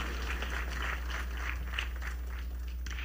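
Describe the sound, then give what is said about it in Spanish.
An audience applauds an orchestra's concertmaster and violin section with a steady, rhythmic patter of many hands at an even volume with no voices over it. “Fuerte aplauso a nuestro concertino y a nuestros violines en los burros.”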